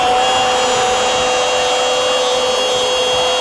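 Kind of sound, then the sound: tool, electric drill whirring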